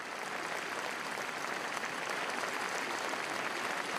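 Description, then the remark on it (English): Steady applause from a large crowd gathered at the royal palace after a royal funeral service, a dense, continuous clatter of many hands clapping, holding evenly throughout without voices standing out. “After the funeral service, his widow, you see her right there, Queen Sonja, she joined her family to thank the crowds who gathered at the royal palace.”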